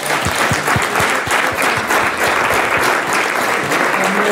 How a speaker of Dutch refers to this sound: Graag applaus voor onze weervrouw, Sabine Hagedoren.